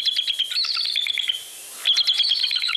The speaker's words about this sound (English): Even with a call that sounds like a rusty gate, the bald eagle is lord of the landscape.